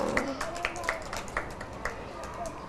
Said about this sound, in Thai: ปรบมือให้